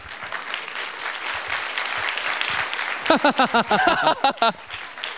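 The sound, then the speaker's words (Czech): A small group applauds with steady clapping for about three seconds, then voices break in with short bursts of cheering or laughter over the fading claps. The applause is recorded for an audio bank for the segment '30 vteřin světu'. “Uložit jako potlesk světu, číslo 1.”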